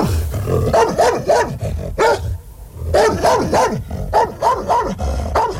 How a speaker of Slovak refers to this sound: Podišiel som k ním a zabrechal som, ako najstrašnejšie som vládal.